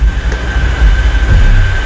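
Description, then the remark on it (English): Water from someone's shower running through a building's thin household pipes: a steady, loud low rumble with a thin, constant high whine over a soft hiss, unbroken for the whole couple of seconds, with no one talking. “I don't even think that's right above me, but I think it's someone's like shower while running or something.”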